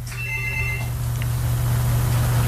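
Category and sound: household object, telephone ringing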